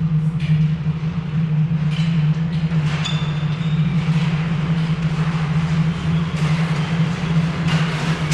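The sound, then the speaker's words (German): A train rumbles steadily into Dorndag station at sunset, a constant low engine drone beneath scattered metallic clanks and squeals, loud, with no voices. “Die Sonne tauchte als blutiger Fleck hinter den Horizont, als ein Zug in Dorndags Bahnhof einfuhr.”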